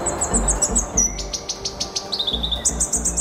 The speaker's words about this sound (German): Ein kleiner, schwarzer, federleichter und kugelrunder Singvogel. Vor ein paar Jahren gab es nur noch eine Handvoll Exemplare, inzwischen sind es wieder ein paar hundert. Und so klingt dieser äußerst seltene Vogel.